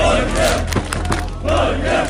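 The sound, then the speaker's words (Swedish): A large crowd of football fans roars and cheers in the streets of Oslo at night after Norway beat Senegal 3-2, a dense wall of shouting voices that swells, dips briefly in the middle, then surges again, loud throughout. “Det var full fest och stormande jubel i Oslos gator efter att Norge slog Senegal 3-2 i natt.”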